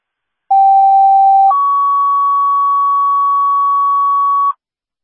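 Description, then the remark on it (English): Ambulance dispatch paging tones for Geneseo, a second page for the ambulance: a lower steady tone held for about a second, then a higher pure tone sustained for roughly three seconds, loud and alone with no talking. “Registered Geneseo, second page for the young citizen ambulance.”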